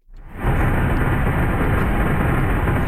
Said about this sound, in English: Meanwhile, in southwestern France, a military plane drops fire retardant over a wildfire at Lacanau Forest.